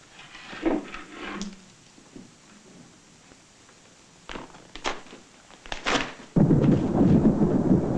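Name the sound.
thunderstorm with rolling thunder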